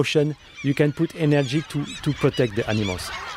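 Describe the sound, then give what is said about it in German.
A huge flock of crows and gulls, with two sea eagles, waiting at 4 pm for food put out for bears, calls loudly and continuously, harsh caws and squawking cries overlapping in quick, irregular bursts. “Auf den Bärensnack wartet bereits eine riesige Schar an Krähen, Möwen und sogar 2 Seeadler.”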